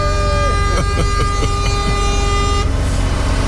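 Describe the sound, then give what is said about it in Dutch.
A loud truck air horn blares nonstop for the whole stretch, a steady, brassy tone held down without a break, with faint rattling knocks underneath. “Gewoon die toeter even 30 snoepen inhouden.”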